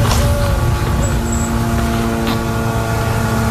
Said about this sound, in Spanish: ese sonido que no sé si se puede apreciar, sí, pero son los drones israelíes.